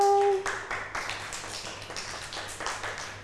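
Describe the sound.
A group of children clap their hands on their teacher's instruction, in a loose, uneven burst of many overlapping claps, following a short steady tone at the start, with faint voices in the background.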